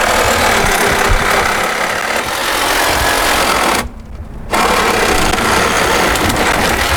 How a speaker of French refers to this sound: s'activent donc avec leur visseuse et une scie.